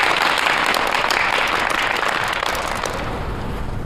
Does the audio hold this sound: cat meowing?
no